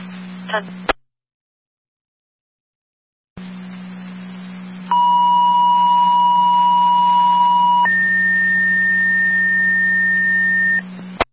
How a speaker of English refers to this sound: Fire control to Wilson, second set of tones. Driver requested for an EMS call mutually to Ransomville. Repeating to Wilson, your second set of tones.